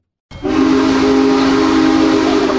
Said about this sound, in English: went to watch the locomotive passing through the Railroaders Memorial Museum last night, and she talked to the crowd gathered there.